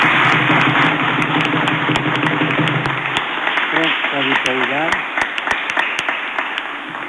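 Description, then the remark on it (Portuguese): A church audience breaks into steady, dense applause for some girls and a young man, lasting several seconds, with sharper individual claps popping out of the wash and voices humming underneath, easing off slightly toward the end. “Então, para estas meninas e para este jovem, uma salva de palmas, vá.”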